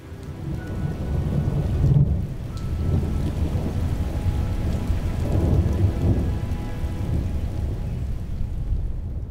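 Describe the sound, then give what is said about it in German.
Steady rain pours down while low, rumbling thunder rolls through, swelling and fading in long waves over the whole stretch without any voices. “Weil du auch irgendwie, weiß ich nicht, da oben nicht sein solltest, wenn es donnert.”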